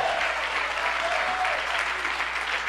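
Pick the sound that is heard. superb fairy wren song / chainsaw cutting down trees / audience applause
audience applause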